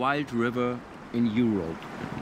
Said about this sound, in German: In den letzten Jahren hat sich rumgesprochen, dass dieser Fluss was ganz Besonderes ist. Hier merkt man so richtig, dass es ein wilder Fluss ist.